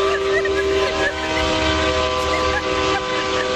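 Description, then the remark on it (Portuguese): A loud, sustained truck air horn honked by a truck driver blares for several seconds, its steady tonal blast ringing over rumbling road noise. “Deixa eu ver quem mais, buzina aí.”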